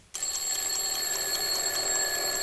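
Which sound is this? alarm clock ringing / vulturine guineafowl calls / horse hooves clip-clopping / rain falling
alarm clock ringing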